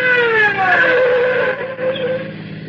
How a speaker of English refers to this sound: Oh, hear that? Patrol car? I told you. Here comes our speeding ticket.